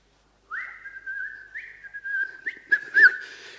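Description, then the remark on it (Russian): A person whistles a steady, clear tune with a few stepped rises in pitch while walking, fairly loud, followed by a cluster of short knocks and scuffing noises near the end. “Я иду, свищу, вот так.”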